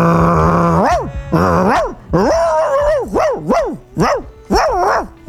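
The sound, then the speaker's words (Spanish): A person imitates a dog barking, with about eight loud, pitch-swooping barks and yelps in a quick, uneven run, starting with a longer drawn-out call. No talking. “¿Cómo ladra el tuyo?”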